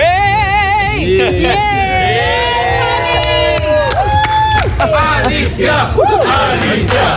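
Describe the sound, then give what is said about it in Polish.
Journalists in the Eurovision press centre in Vienna cheer and whoop loudly and continuously for Poland's entrant, with many voices shouting and calling out over a steady wash of clapping and excited babble. “pojawiła się w centrum prasowym, gdzie została przywitana przez dziennikarzy gromkimi oklaskami.”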